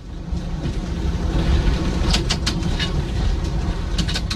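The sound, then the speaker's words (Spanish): A steady, heavy rumble of restored early-20th-century Pullman passenger train cars rolling along the tracks on the Chicago to New Orleans route in the United States, with sharp metallic clicks and clatter from the rails bursting through in the second half. No one speaks. “Estos carros de ferrocarril pertenecieron a la empresa Pullman a principios del siglo XX.”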